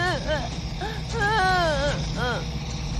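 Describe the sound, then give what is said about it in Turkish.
A frightened young child cries and whimpers in short, wavering wails, fairly loud, over a steady low rumble in the background. “Neden ağlıyor? Çocuklar korktu.”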